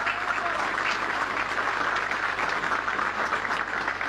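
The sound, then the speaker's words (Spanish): A crowd at a political campaign event applauds steadily for campaign chief Governor César Landi Torres, the dense clapping holding at an even, fairly loud level for several seconds without pause or any voices over it. “Pido un fuerte aplauso.”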